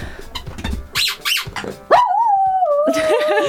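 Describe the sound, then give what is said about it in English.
A dog in a studio lets out a long, wavering howl, rising in pitch before holding a sustained, slightly sliding tone, preceded by a few short yelping whines and snuffly noises. “Just Poppy howling.”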